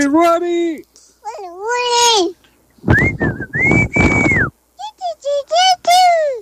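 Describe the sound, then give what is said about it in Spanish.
A girl of about 3 years makes breathy, wavering whistle-like tones in a few short bursts, fairly loud, imitating a whistle signal, with high childish vocal sounds between the attempts. “Y como yo suelo en el programa que tenemos una señal de silbar, miren cómo lo hace ella.”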